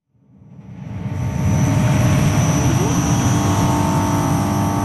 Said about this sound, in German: Wäre da nicht dieses leise, konstante Brummen? 28 Schiffscontainer große Batteriespeicher stehen vor dem Kraftwerk Arniberg in Gurtnellen